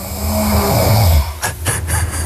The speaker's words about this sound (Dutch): Ja, dat, lekker diep in slaap. Een beetje snurken.